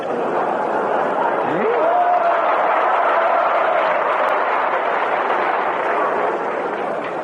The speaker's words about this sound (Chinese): 同志们这一鼓掌就是寒碜你呢。